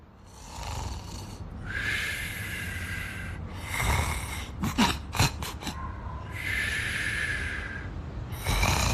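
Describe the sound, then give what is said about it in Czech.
A dog character in a radio drama (Radio Pustolovina), a street dog, snores while sleeping: loud, rasping snores repeat in slow cycles, each drawn-out breath grinding and rattling, with a quick burst of sharp snorty sniffs in the middle. No one speaks. “Hrkao si i mahao repom ko kućni pas.”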